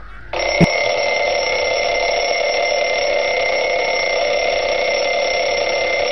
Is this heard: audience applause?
no